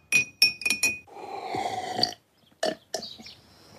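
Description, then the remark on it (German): A teaspoon stirs honey tea, made by pouring hot water over honey and flower-infused juice, in a glass: four quick, bright clinks ring out, a steady liquid swirl follows for about a second, then two more sharp clinks. No one speaks. “Nun mit heißem Wasser aufgießen und kräftig umrühren.”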